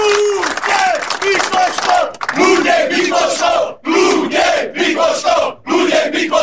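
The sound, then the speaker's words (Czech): A crowd of Baník Ostrava football fans chants in unison in front of the Bazaly stadium in Ostrava, paying tribute to the late goalkeeper Luděk Mikloško, voices rising and falling in a steady rhythmic pattern of loud shouted phrases separated by brief pauses. “Vzdali mu hold i společným pokřikem.”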